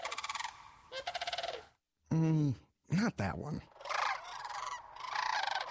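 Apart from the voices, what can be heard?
bird calls played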